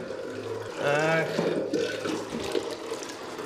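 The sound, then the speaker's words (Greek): Water runs steadily from a spring at a small chapel on Tinos, Greece, with basins where women washed clothes, a continuous splashing gurgle that fills the whole stretch, with a brief indistinct voice rising over it near the start. “Θα πιούμε το νεράκι μας.”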